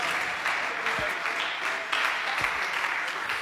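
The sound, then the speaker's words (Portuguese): A church audience claps for Jesus steadily, the dense applause filling the space with a continuous patter of many hands, moderately loud and unbroken, with a few low thumps beneath. “Pode bater as palmas para Jesus, igreja.”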